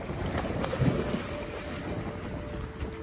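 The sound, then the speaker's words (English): A loaded boat motors steadily across open water in the Tuamotu islands, going to check coral nurseries, its engine rumble mixed with rushing wind and the splash of waves against the hull, loud throughout. “They loaded up the boat to go check on the nurseries that were created 1 year ago.”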